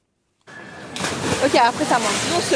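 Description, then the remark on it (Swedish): Water splashes and churns steadily in the Canal Saint-Martin in central Paris, where people come to cool off during a heatwave; a broad rushing wash of sound that starts abruptly and grows louder, with voices calling out over it partway through. “I Paris väntas temperaturer på uppemot 40 grader de närmsta dagarna och folk där söker sig till stadens kanaler för att svalka sig.”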